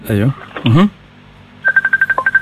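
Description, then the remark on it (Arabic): A short burst of voice comes first, then a quick, evenly spaced run of about nine telephone keypad dialing tones, clear, with a brief pause partway through. “نسمع فيك، عندك تليفون تقريبا ليسوني.”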